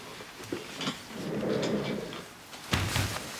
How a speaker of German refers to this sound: Können Sie bitte die Tür schließen?